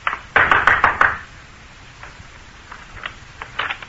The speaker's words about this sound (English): I walked boldly to the rear door and knocked.